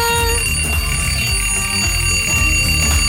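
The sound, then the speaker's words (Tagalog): A loud, continuous electronic alarm clock ringing with steady high-pitched tones over a dense, busy background, with no pauses across the few seconds and no one speaking. “Sa mga wala pa nakabugtaw nga nagsat sa ila alarm ang tupad pa nila daang mas nabugtawan.”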